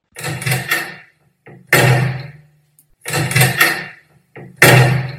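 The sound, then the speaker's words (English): A stuck door is yanked and rattled hard, four loud, clattering bursts in two pairs with short pauses between, with no one talking. “Will you sort this door out? I'm going to rip it off its hinges.”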